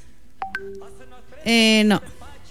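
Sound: phone call tones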